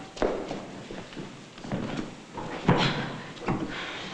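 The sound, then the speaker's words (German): A door opens with a few wooden clunks and knocks, followed by shuffling footsteps as someone comes in without knocking, moderately loud, with no talking. “Warum klopfen Sie nicht?”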